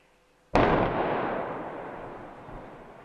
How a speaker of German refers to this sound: Im zweiten Anlauf hat es dann endlich geklappt. Das Teilbauwerk der Talbrücke Ottfingen liegt komplett am Boden. Mit sechsstündiger Verspätung und einer zweiten, nicht geplanten Sprengung.